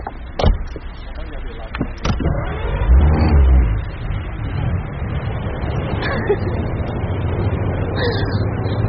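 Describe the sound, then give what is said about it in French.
A couple of sharp thuds like a car door closing as a man opens the car and sits at the wheel, then a car engine cranks to life and revs, settling into a steady rumble that continues to the end. “Il ouvrit la voiture et s'assit au volant.”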